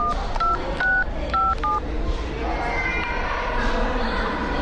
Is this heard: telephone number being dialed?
yes